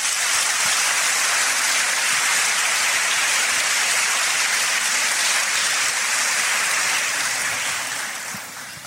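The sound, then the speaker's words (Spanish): A crowd applauds steadily after a Bible reading, a dense, even wash of clapping that holds loud for several seconds before tapering off toward the end. No one speaks over it. “Si es palabra de Dios, hay que darle un fuerte aplauso.”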